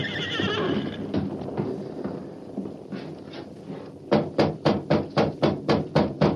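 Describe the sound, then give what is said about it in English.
A nervous horse named Silver neighs in a long, shrill, wavering whinny, then hooves clop in a quick, steady rhythm of about a dozen sharp beats, with no one speaking. “Why are you so nervous? Take it easy, Silver.”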